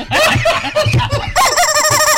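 A chicken crows loudly in a couple of harsh, strained calls, the later one a longer, wavering warble with bright overtones. No one speaks over it.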